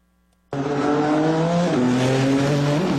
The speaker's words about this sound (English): A lot of horsepower roaring along the streets of the Capitol for the first time. The Freedom 250 Grand Prix.